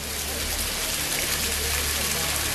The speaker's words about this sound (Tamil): சுவாமி, பேய் மழை மட்டுமல்ல, பெரு வெள்ளமே வந்து கொண்டிருக்கிறது.